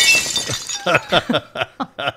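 A loud crash of a dropped glass shattering, its bright spray of high-pitched fragments ringing out at once, then several short, sharp bursts that trail off.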